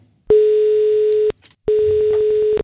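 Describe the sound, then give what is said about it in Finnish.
Two long, steady telephone ringing tones, each lasting about a second with a short pause between, clear and fairly loud on a line with no voices, as a call is placed to a contest winner. “Nyt on aika soittaa yhdelle kisan voittajalle, joka saa uudet pyyhkijät autonsa.”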